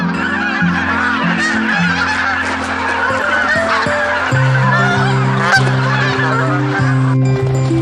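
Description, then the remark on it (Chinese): A large flock of migrating wild geese honks continuously at a Yellow River wetland nature reserve in Ningxia, China, many overlapping calls forming a dense, loud chorus, with no one speaking. “较早抵达这里的是大雁和天鹅，它们能准确预判湿地冰面消融的时间。”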